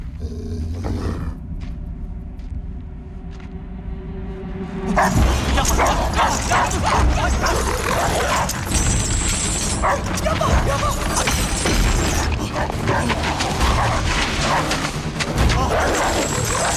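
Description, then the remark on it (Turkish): A dog barks and yips loudly and repeatedly in an agitated burst, with harsh, chaotic noise filling the background after a quieter start. “Yapma cici köpek, usu köpek yapma.”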